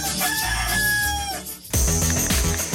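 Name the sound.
rooster crowing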